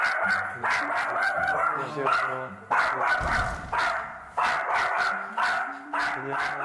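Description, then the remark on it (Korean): A dog named Jenny barks over and over in Incheon in loud, sharp bursts at a steady, insistent pace, with a few higher yips mixed in. “짖네요. 어, 너무 많이 짖는데요.”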